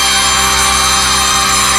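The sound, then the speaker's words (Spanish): A school bell rings loudly and without a break, a harsh, steady metallic clanging with a buzzing edge that fills the whole stretch. No one speaks. “Esa campana no te suena de cuando estudiabas o estudias.”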